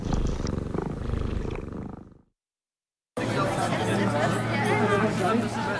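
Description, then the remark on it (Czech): A cat purrs with a low, rumbling rhythm for about two seconds while listening to the radio station Proglas, then silence, followed by people talking over a steady low hum. “Tato kočka poslouchá Proglas.”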